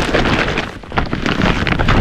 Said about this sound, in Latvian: Dzirdi? Tā skan IKEA iepirkuma maiss ar izpirkšanas precēm.